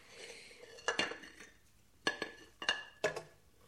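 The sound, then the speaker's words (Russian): Plates and cutlery clink and clatter in several short bursts, with brief pauses between, moderately loud, as dishes are washed and dried by hand. No one speaks. “Вытирай тарелки, если тебе мытье не по вкусу.”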